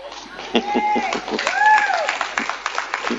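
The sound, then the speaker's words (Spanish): An audience, almost all of them women, applauds, a steady patter of many hands clapping, with a few high-pitched voices cheering and calling out over the clapping. “Son todas mujeres casi las que están aplaudiendo acá, ¿no?”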